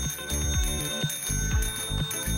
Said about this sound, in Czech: Jakýže soutěžní zvuk to hledáme? Je to tohle cinkání zvonku.